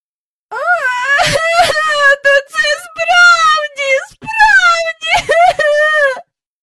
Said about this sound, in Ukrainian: … зайшовся плачем.